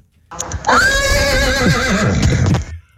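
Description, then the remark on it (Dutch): A person imitates a horse's neigh, a loud, quavering whinny lasting a couple of seconds with a rising start and a fluttering, trailing finish, performed alone. “Maar ik kan dus ook heel goed een paard naar doen.”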